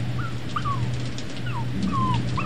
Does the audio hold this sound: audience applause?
no